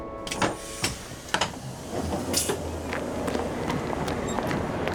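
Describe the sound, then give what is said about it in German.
A train in motion, bound for Frankfurt Airport long-distance station: a steady mechanical rumble and hiss builds after a few sharp clacks and rattles, then continues evenly with faint ticking. No one speaks. “mein Zug fährt mittlerweile auch wieder.”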